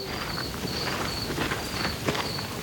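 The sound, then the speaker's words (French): Soft, uneven footsteps crunch along a small country path just after nightfall on a cool autumn evening while crickets chirp in a steady high-pitched trill, with a faint background hiss throughout. “La nuit vient de tomber. Je marche sur un petit chemin de campagne.”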